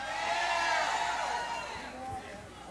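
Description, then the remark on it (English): A dense, steady murmur of many overlapping voices from a large crowd at a morning event, chattering continuously, with no single speaker standing out. “It's a good turnout here this morning, Ricky. What do you think about this crowd?”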